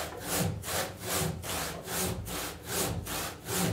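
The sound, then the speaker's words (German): A very thin hand saw cuts steadily and carefully through wood, its rasping strokes repeating in an even back-and-forth rhythm, moderately loud with no talking. “Und deshalb haben wir die Säge bestellt, so eine ganz dünne Säge.”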